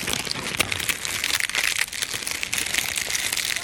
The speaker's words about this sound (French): Enregistrement de feuilles d'arbres mortes.